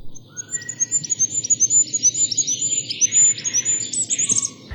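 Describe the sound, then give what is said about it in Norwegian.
A goldcrest, a tiny bird about 9 centimetres long, sings a rapid series of very high, thin, repeated notes over a steady low background rumble with no voices. “Men en fuglekonge!”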